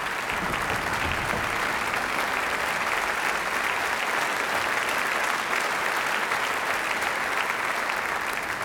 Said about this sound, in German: Ja, Applaus.